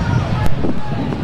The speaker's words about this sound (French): C'est que le vent est tellement fort.